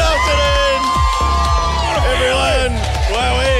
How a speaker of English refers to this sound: Crowd goes wild. We appreciate the support.